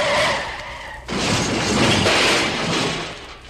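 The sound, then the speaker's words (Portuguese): Car tires screech loudly in a long skid, then an abrupt crunching impact as the car slams into another vehicle, followed by noisy scraping and debris. “Ô, oh, seu cretino, você amassou todo meu carro, vai ter que pagar!”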